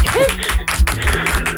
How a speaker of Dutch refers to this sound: Dames en heren, een applaus voor Rob Schepers.